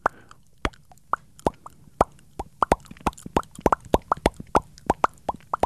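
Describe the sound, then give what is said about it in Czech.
A rapid series of bubble pops, about two dozen bright little plops in an uneven, bouncy rhythm, growing denser toward the end, with no voices. “Dneska jsme odletěli na bublinách.”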